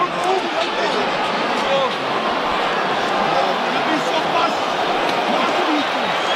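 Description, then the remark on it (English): A rugby crowd roars steadily, urging on the forwards at a scrum under the posts, a dense wall of cheering and shouting voices that stays loud and unbroken throughout with scattered individual yells rising above it. “Crowd urging the bot pack on.”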